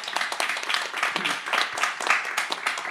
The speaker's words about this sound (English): Just want to give a quick round of applause for